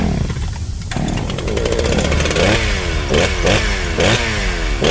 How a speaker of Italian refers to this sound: Lina fa apparire una potente motosega e si taglia di netto a metà all'altezza dell'ombelico, schizzando di sangue gli altri tre in maniera molto sexy, e poi muore.